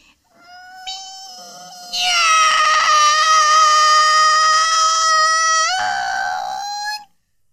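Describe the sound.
A human voice imitates a cat's meow in one long, drawn-out, high-pitched wail, rising in strength partway through, holding strong and nasal, then bending and fading out after about seven seconds.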